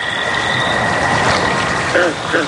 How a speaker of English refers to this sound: Then, finally one night... The good old American toad. All right, it is the most common species around, but at least it's a start.